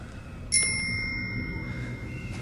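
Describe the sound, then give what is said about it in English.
A single ring of a bicycle bell on a set of handlebars from a bicycle, rung by the giant Grop: a bright metallic ding that rings on with shimmering overtones and slowly fades over a low background rumble. “The giant faces them and rings the bell on a set of handlebars from a bicycle.”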